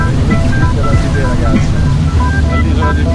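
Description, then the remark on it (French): A bateau bus (river water bus) on the Seine in Paris coming to a stop, its engine rumbling steadily as water sloshes and laps against the hull, with faint wind and indistinct voices murmuring in the background. “The bateau bus is stopping.”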